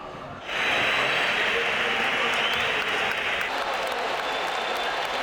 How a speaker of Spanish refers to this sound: Algunos pitos, sobre todo aplausos en San Mamés para sus tres campeones del mundo con España. Han salido al campo con la copa. Un sector de la grada los ha silbado, la mayoría los recibía con esos aplausos.